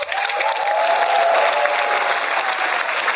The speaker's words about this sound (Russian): Невероятно, мне на работе 0 раз аплодировали после этих слов.